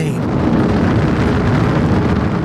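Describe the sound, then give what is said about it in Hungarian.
A dense, steady engine roar of an approaching airplane in Papua New Guinea, heavy in the low end with a rough, rumbling texture, holding at a constant loud level throughout without any voices. “Sok közösség számára a következő fejezet egy közeledő repülőgép hangjával kezdődik.”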